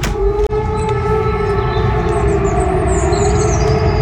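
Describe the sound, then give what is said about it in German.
A civil defense warning siren sounds outdoors during Germany's Warntag 2026 nationwide warning-day test, a loud, steady, sustained tone with strong harmonics over a low rumbling background, broken by one brief dropout near the start. “Da gingen ja Sirenen dann los. Das klang dann so.”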